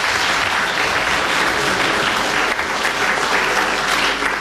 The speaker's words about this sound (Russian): Аплодисменти още веднъж за тях.